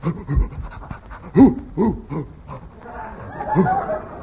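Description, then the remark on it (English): A bloodhound with a policeman gives several short, gruff barks spaced about half a second apart, mixed with huffing and panting, then a rougher burst of vocalizing near the end. “A policeman and a doggy.”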